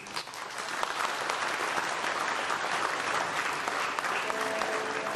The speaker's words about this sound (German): Ein Applaus muss nicht gespart werden.